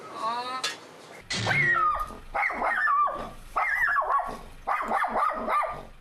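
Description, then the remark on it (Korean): A dog named Garu, left outside while its owner works, barks over and over in loud bursts with whiny, yelping tones, looking for its owner, about five or six harsh barks following one another at a steady pace after a brief noisy start. “계속 짖고 있는 거예요?”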